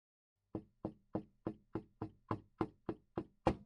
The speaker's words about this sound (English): She knocks at the kitchen door 3 times.